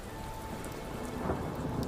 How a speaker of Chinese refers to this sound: 那一次他遭遇恶劣天气，船行过半，暴风雨突然来袭，狂风裹挟的巨浪拍打着船身，船只剧烈晃动之下